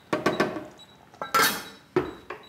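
A metal lid clatters onto a cooking pot of browned meat cubes and their juices for an aubergine curry, set to braise gently, in a quick series of clinks and scrapes, with one louder bright clang in the middle and a final ringing tap.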